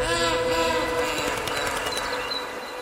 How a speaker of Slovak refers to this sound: Vlak odišiel.